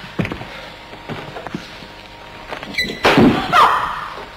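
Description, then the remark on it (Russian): A few dull thumps against a door, then a louder wooden rattle and creak as it is forced or swung open, with no one speaking. “прежде чем выломать эту дверь, я очень прошу вас подумать о последствиях. Откройте дверь сами.”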